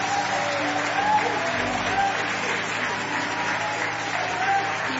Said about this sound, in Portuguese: Aplauda o nome do Senhor agora.